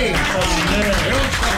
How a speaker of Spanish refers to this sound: Bien fuerte el aplauso. Gracias.